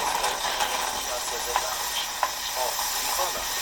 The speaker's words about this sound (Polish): Nie usuwaj wężyka. I spieniacz nam się płucze. I nam się wypłukał.